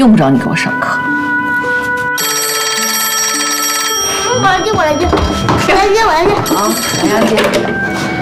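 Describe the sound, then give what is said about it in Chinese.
A home telephone rings loudly, a steady electronic trill that sounds in two bursts, with people talking between and over the rings. “妈，你过来一下，来，接我来一下。”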